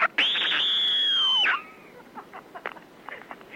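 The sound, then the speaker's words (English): A person lets out one loud, piercing, sustained scream lasting over a second that cracks and drops at the end, followed by a few faint, short vocal noises. “This is what I think of your stupid, wanky scream idea.”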